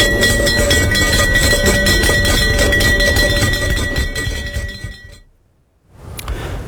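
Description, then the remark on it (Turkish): The Borsa İstanbul 100 index closing gong rings out loud and metallic, its steady bright overtones over a dense clattering shimmer for about five seconds before stopping abruptly, followed by silence and a faint rustle. “Efendim, Borsa İstanbul 100 endeksinde kapanış gongu çaldı.”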